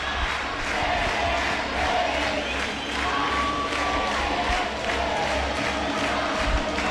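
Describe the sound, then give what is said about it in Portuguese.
A large football crowd at a match where the CBF team leads 1-0 in the first half roars steadily, cheering and chanting together in a sustained, dense wall of voices with rhythmic swells, heard from within the stands. “E olha a torcida.”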